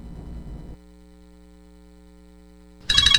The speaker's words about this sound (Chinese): 咦，老婆，个女用视像打长途电话翻嚟。